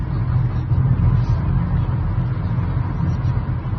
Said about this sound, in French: On suit la voiture de Cédric, aussi, qui nous emmène vers ce lac.